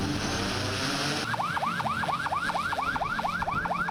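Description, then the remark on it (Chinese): A law enforcement boat's electronic siren suddenly starts a fast, repeating yelp, loud, over a steady rumble of engines and water, as enforcement boats set off from Xinghai Bay on a joint police, fisheries, maritime and coast guard patrol against illegal fishing. No one talks. “随着出发指令下达，执法船艇鸣笛起航，无人机升空巡查，执法车辆同步出动，海陆空3路执法力量协同发力，对重点海域、港口码头、船艇停泊点等区域展开巡查管控。”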